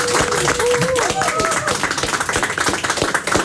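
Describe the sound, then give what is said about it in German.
A group in a radio studio bursts into steady, dense applause for a quiz participant who dared to answer, lasting the whole few seconds, loud and continuous, with a few raised voices and whoops mixed in near the start. “Okay, weil du dich so getraut hast, bekommst du erstens einen riesen Applaus.”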